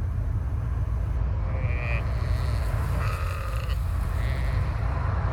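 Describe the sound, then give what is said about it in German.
Faint sheep bleats come through a few times over a steady low rumble of road noise, heard from inside a moving car with a window open, driving through the countryside. No one speaks. “Guckt mal, Schafe.”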